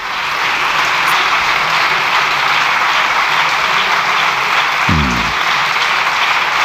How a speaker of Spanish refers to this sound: Largo aplauso, ¿eh?